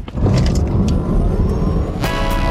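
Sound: car engine revving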